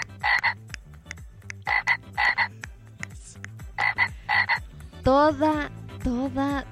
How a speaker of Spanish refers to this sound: Toda la noche. Y ayer, ya te imaginarás, hicieron fiesta, pero eran, yo cachaba que eran como 2 sapitos porque están todos los días y literal están en la ventana de mi casa. Yo duermo con ese sonido